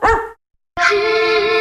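A dog barks loudly: one short bark, a brief silence, then a longer, drawn-out bark that holds its tone. No one speaks.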